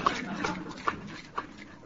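A dog named Miff gives about four short, high whimpers spaced roughly half a second apart, fairly quiet over a steady background hiss.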